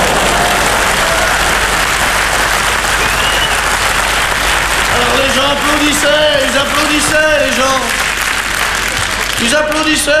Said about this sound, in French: Et puis, quand ça a été fini, je suis revenu une dernière fois sous les applaudissements du public. Ils applaudissaient plus fort que ça, je pense.